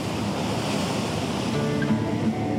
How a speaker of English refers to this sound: But let's go and say hello to the ocean.